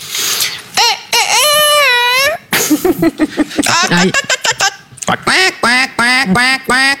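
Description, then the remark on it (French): A person does a loud vocal impression of a duck, letting out a long series of nasal, rasping quacks in rapid, uneven bursts with strained, squawky rises. “Attendez, mouette ou canard? Canard, là. Ah, canard.”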